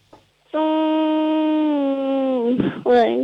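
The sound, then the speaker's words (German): A child's voice hums a long, steady buzzing note for about two seconds, imitating a little bee as asked in a sound-imitation game, then breaks off into a short breathy sound and a brief voiced rise. “Okay, und jetzt hätte ich gerne, dass du summst wie ein Bienchen.”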